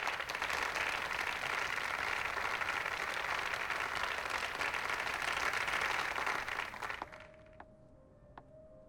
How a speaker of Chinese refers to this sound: 下面请大家用热烈的掌声欢迎优美 SPA 的负责人丽莲女士。